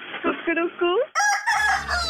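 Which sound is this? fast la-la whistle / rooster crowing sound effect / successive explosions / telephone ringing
rooster crowing sound effect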